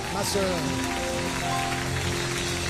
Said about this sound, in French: Donnons un applaudissement au Seigneur.